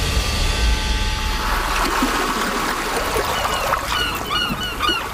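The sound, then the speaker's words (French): Fishing port ambience with boats: a steady wash of water and open-air noise, with several loud gull cries breaking in toward the end. No one speaks. “C'est donc l'estomac plein et l'esprit affûté que les deux enquêteurs débarquèrent enfin au port de pêche, déterminés à coincer leur suspect à bord de son bateau.”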